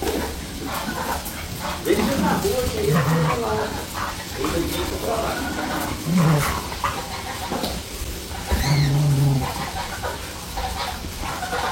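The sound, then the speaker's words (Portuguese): Dogs bark in short, scattered bursts while playing with a mini goat the same size as them, with a few whimpering yelps mixed in over a noisy background where voices can be heard. “segue o vídeo do nosso mini bode Chico, ele brincando com os cachorros”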